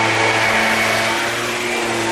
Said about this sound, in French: L'avantage du scooter, c'est qu'on l'entend toujours, qu'on le voit ou pas.